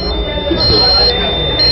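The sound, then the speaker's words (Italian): A computer motherboard overheating alarm, signalling that the motherboard temperature has risen too high, sounds as a steady, shrill electronic tone held throughout the short clip, over a muffled, noisy background with what seems like indistinct voice. “Questo allarme indica che la temperatura della mia scheda madre si è alzata un po' troppo”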